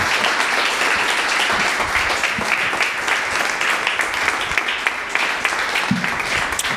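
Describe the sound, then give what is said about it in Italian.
Steady audience applause for three speakers, a dense wash of many hands clapping at once for several seconds, loud and sustained without any voices over it. “Fate un bel applauso ai nostri tre relatori.”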